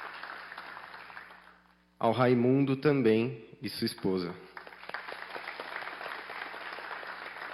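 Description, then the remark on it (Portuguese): An audience applauds steadily, a dense wash of clapping that fades under a man speaking briefly into a microphone, then swells back as sustained applause from a sizable crowd. “Salva de palmas.”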